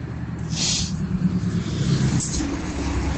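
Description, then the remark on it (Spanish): Steady low street traffic rumble on a sunny day as cars and trucks pass, with two brief sharp hissing bursts like air brakes cutting through the continuous engine noise. “Aquí pasan camiones, coches.”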